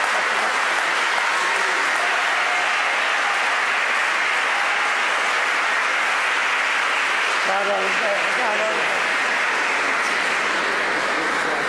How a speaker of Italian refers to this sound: Un applauso.